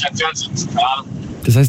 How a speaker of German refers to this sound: man hört das Auto im Hintergrund